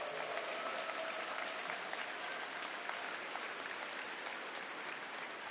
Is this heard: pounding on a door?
no